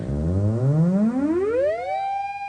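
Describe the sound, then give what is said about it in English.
Rapid low popping pulses from an electronic oscillator, played by a hand held near its antenna, speed up as the fingers approach the antenna and merge into a buzzy, harmonic-rich tone that glides steadily upward in pitch, then levels off as a sustained steady note. No voices. “So in order to get that sound, I'm having to hold my fingers at about a foot away from the antenna, but as I approach it, it'll get much faster, and you'll hear those pop, pop, pop, pop, pop repetitions turn into like a continuous tone.”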